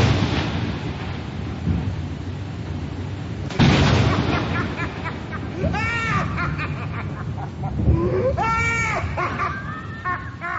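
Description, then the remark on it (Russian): Heavy rolling thunder rumbles throughout as lightning strikes a house several times, with two loud crashing bursts a few seconds apart, while wavering, bleating-like wails rise over the storm near the end. “заживо сгорел, когда в дом ударило несколько раз молнии.”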